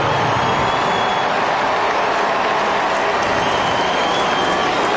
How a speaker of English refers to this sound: There were cheers, there were boos, and there was a lot of noise in between. When Bichette stepped out, you could feel it immediately.